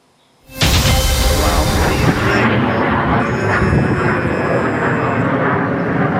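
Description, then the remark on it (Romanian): A fighter jet, sent to destroy a drone, roars overhead, bursting in abruptly after a moment of near silence and holding a loud, rumbling, rushing engine noise to the end. “Și o să vă rog să rămâneți alături de noi, pentru că avem și imagini cu avioanele de luptă care au intervenit pentru a distruge drona.”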